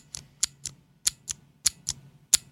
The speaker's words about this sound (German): das kennen die meisten Leute, das sind die klassischen MX Blue von Cherry zum Beispiel. Mhm. Die scheppern so ein bisschen mehr, als dass sie klicken, aber auch, das tun sie nur beim Auslösen und nicht beim Loslassen.